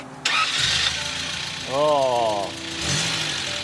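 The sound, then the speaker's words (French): A car engine cranks and catches with a sudden loud burst, settles into a rough idle, then revs up in a rising whine before dropping and surging again. “Elle démarre ? Vous me faites écouter ?”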